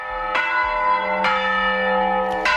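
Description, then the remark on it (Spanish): Church bells rung by hand in the traditional manual way, with loud, resonant strikes at uneven intervals, their long overlapping hum sustained between strokes. The ringing is full, and no voices can be heard. “Hablamos del toque manual de campanas, declarado por la UNESCO en 2022 como Patrimonio Cultural Inmaterial de la Humanidad.”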